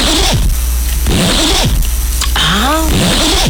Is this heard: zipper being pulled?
yes